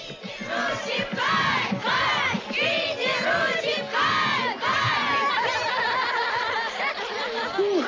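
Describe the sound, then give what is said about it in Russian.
A group of Indian schoolchildren in India, some in school uniform, shouts and cheers loudly while tossing a boy into the air, starting with several rhythmic rising whoops before settling into continuous excited yelling and chatter from many voices. “Группа индийских школьников подбрасывает … в воздух”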